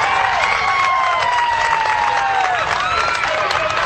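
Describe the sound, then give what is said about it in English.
A crowd at a baseball game, on the North Shelby side, applauds and cheers steadily as a pitch is thrown, with dense clapping and rising shouts and whistles layered on top, fairly loud and continuous from start to finish. “Hear the applause coming from the North Shelby side as the pitch is thrown in there.”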